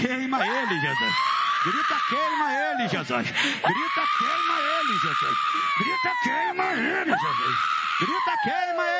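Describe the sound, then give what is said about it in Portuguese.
A person screams loudly in long, high-pitched, strained wails during a religious deliverance in which a spirit is commanded to give its scream of defeat, three sustained cries rising and falling in pitch, separated by brief ragged breaths. “eu falo com você Satanás, pode dar o teu grito de derrota agora, olha aí que coisa, hein?”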